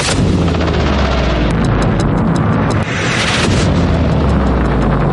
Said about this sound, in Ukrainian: Безсмертного полку теж не було, бо росіяни та колаборанти на півострові налякані постійними вибухами.